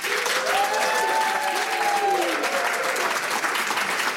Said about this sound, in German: Und live spielen wird einen riesigen Applaus bitte